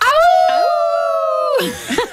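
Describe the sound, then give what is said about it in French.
A group of people at a festival let out a long, sustained wolf-like howl together, holding the note for over a second before breaking off into laughter and loose vocal noises. “Vous l'avez entendu, hein? Ce festival qui porte vraiment bien son nom avec la fameuse légende du loup de la fontaine.”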